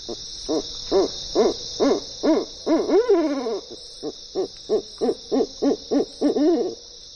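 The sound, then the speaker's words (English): An owl gives a long series of short, evenly spaced hoots, with one wavering, drawn-out call midway, while a steady high insect drone hums throughout the night background. “And they lend their music to our nights.”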